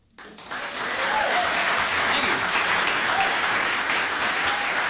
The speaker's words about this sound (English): Some very well-deserved applause for the duo